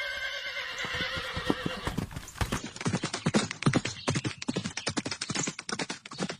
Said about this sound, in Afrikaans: Hy spring op die man se perd en jaag weg.